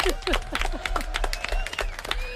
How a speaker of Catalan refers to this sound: Fort aplaudiment, molt bé.